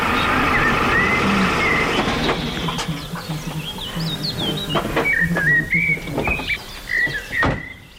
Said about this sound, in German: Ranger Ulf-Gerd Damm kommt mit dem Pickup vorgefahren.